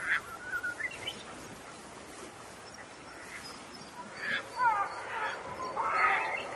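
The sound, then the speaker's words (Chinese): Black-faced spoonbills call in scattered bursts of rough, chattering notes over a steady hiss of outdoor background noise, growing busier and louder toward the end. “黑面琵鹭的声音就是这样。”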